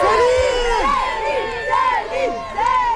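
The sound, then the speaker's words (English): A crowd of fans cheers excitedly outside a hotel in Paris, France, welcoming a singer as she steps out, with overlapping high-pitched whoops and screams rising and falling continuously, fairly loud. “Fans cheering outside a hotel welcome … as she steps out in the French capital.”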